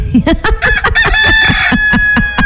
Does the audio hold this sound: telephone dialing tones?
no